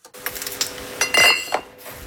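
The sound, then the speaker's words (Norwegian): Glass bottles clink and rattle against each other in a quick, busy series of bright knocks, fairly loud, with a steady machine hum underneath and no talking, at Kinn brewery in Florø, where local red Christmas soda is being bottled. “Det klirrer i flaskene på Kinn bryggeri i Florø.”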